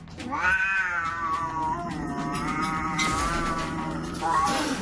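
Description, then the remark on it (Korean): Two cats, Creamy and Cookie, whose relationship has soured, yowl and caterwaul in long, wavering, high-pitched wails that rise and fall continuously, loud and strained, with a fresh drawn-out cry swelling near the end. No one speaks. “고양이들의 관계가 어느 순간 틀어져 버린 것.”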